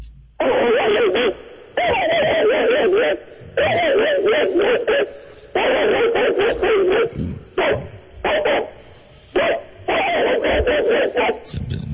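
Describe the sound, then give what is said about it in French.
A person loudly imitates an angry mongrel dog, with harsh, growly barks and yips in rapid bursts separated by short pauses, for about twelve seconds. “Ça fait que tu peux lâcher l'ours, ton chien.”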